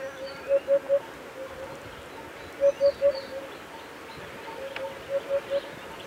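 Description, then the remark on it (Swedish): A crested bird with a mighty head crest and cream-coloured plumage tinged orange gives a soft, hollow, phone-like call: three quick notes repeated in three evenly spaced bursts, moderately loud over a quiet background hiss, with no talking. “Det är inte helt självklart att det är en fågel man hör.”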